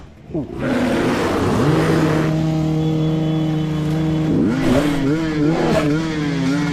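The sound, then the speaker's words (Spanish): Motorcycle engines of a group of riders in a forest rev loudly, their pitch climbing and dipping in a steady, continuous roar that fills the whole stretch without a break; the engine noise drives off an attacking grizzly bear. “El oso grizzly ataca a la moto, quedando a tan solo pulgadas del motociclista, pero con el mismo rugir del motor de las máquinas lograron alejarlo, por fortuna para todos.”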